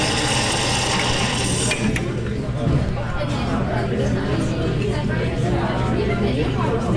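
An espresso machine whirs and hisses steadily at the Classical King Cafe, with a constant low hum and a brief hiss burst early on, over a murmur of indistinct chatter.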